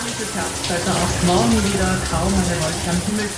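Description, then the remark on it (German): Water from a shower in a luxury hotel in the Arntal sprays steadily in a hissing wash, while a radio built in right next to the shower head plays a weather report underneath, muffled and hard to make out through the running water. “Ja, das Wasser sprudelt hier sehr, aber haben Sie den Wetterbericht noch verstanden?”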